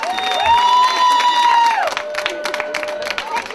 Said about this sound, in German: super! Applaus!